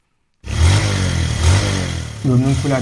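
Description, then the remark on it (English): A motorcycle taxi engine in northern Nigeria revs loudly, its rumbling drone rising and falling in pitch a couple of times, with a voice briefly audible over it near the end. “makes his living by driving a motorcycle taxi.”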